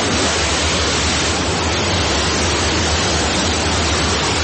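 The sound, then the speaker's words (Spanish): A powerful jet of water, blown by a dragon onto a burning house to put out the fire, gushes in a loud, steady roar, a dense continuous rush of spray that holds at full strength for the whole stretch without pause or voices. “y con un profundo respiro lanzó un potente chorro de agua.”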